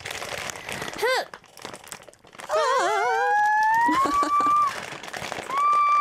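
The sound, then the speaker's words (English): Crackly crinkling of a plastic bag of crunchy cheese curls being handled in bursts as someone tries to open it in a studio, with high, wavering whistle-like tones rising and gliding over the rustling in the second half. “I have suddenly cheese curl explosion in the That's studio”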